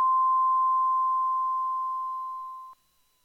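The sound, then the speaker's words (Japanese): A single long, steady high-pitched tone from a radio time signal marking four o'clock, announced by Motomiya Tamura Driving School, holding for nearly three seconds and slowly fading before it cuts off abruptly, with no talk around it. “本宮田村自動車学校が4時をお知らせいたします。”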